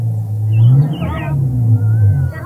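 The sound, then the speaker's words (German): A vehicle engine rumbles with a deep, steady drone, rising and swelling slightly as the vehicle turns around and drives back to the village, fairly loud throughout with no voices. “Er wendet sein Fahrzeug und fährt ins Dorf zurück.”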